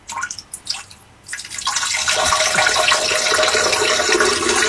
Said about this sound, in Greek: Καζανάκι. Τι είναι αυτό, ρε. Κατούρεμα.